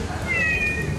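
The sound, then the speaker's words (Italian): A single drawn-out electronic meow from Mita Cat, a robot pet cat companion that purrs and responds to commands in Chinese or English, thin and slightly synthetic, rising through the middle of the second over a steady low background hum. “Ma il nostro prodotto di punta è questo, il robot cucciolo di compagnia.”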